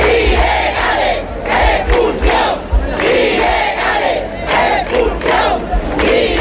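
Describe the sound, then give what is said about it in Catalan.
A crowd of thousands at an evening demonstration in Ceuta chants slogans in unison, such as "Ceuta is not for sale", voices rising and falling in a steady rhythmic cadence of repeated shouted phrases, loud and continuous throughout. “Va ser un dels crits de la manifestació que ahir al vespre va reunir milers de persones a la ciutat convocats per les comunitats cristiana, musulmana, hebrea i hindú.”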